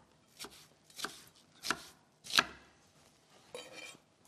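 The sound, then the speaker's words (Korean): A knife chops onion into larger pieces on a cutting board in about five separate, evenly spaced thuds, each a crisp, sharp knock with a brief scrape, moderately loud and with no talking. “사이즈는 조금 더 크게 제가 잘라주도록 하겠습니다.”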